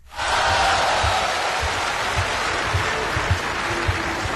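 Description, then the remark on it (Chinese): Steady, dense applause from a crosstalk show audience welcoming performers Guo Degang and Yu Qian, a broad wash of clapping that starts abruptly and holds at an even level throughout, with a few sharper claps standing out near the end. “这期节目里咱们为您安排播出的，这是郭德纲和于谦合说的一段相声《你本善良》，这是郭德纲《我和你》系列作品当中的一段，咱们来掌声有请这二位。”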